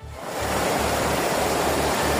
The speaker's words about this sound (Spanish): Sí, la situación es especialmente complicada en el área de Barcelona, sobre todo en municipios como L'Hospitalet y Cornellà, donde la lluvia ya ha superado los 150 litros y ya hay calles y coches inundados. Este es el sonido a esta hora.